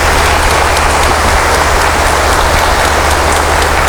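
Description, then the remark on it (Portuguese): A crowd claps steadily, the applause a dense, even wash of many hands that holds at a loud, constant level for the whole stretch, with no voices rising above it. “Uma salva de palmas que ele merece.”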